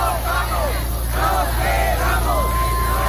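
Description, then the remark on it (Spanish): A street protest crowd in Barcelona on Thursday shouting, with many raised voices rising and falling in overlapping waves over a steady low rumble, holding an even, fairly loud level throughout. “Por ejemplo, así sonaba este jueves Barcelona.”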